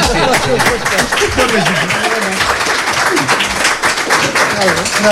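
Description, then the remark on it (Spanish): A crowd applauds steadily for about five seconds, a dense wash of many hands clapping, with voices talking and calling out over the top throughout. “Bueno, te vamos a dar de momento un aplauso y el deseo de que sigas bailando el jeep dance o como sea.”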